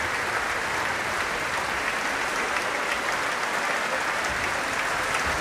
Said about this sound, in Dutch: En ondertussen gaat het door met applaus nemen en het wordt gedaan door de verschillende groepen binnen Le Concert Spirituel.